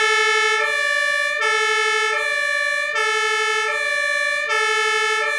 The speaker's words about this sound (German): Aber halt dir die Ohren zu, denn das Martinshorn ist wirklich laut. Das Horn setzen wir ein, wenn wir innerhalb von Ortschaften fahren.